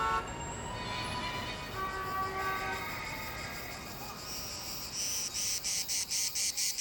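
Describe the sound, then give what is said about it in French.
Cicadas drone in a shrill, steady summer chorus, which breaks into a rapid series of regular, pulsing bursts toward the end. No voices, just the insects filling the air. “Ouais, c'est l'été, les cigales chantent, à condition qu'il y ait des cigales à Los Angeles, bien sûr.”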